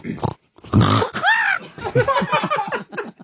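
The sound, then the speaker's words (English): A person vocally imitates a pig stubbing its toe: a short snort, a rough low grunt, then a rising-and-falling squeal followed by a rapid string of squeaky, sobbing oinks, fairly loud. “Okay, so I would like you to be a pig mm-hmm. That that stubs its toe.”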